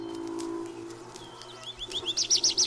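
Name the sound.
birds singing in spring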